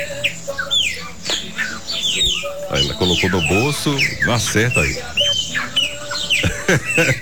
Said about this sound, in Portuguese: Ó, o passarinho.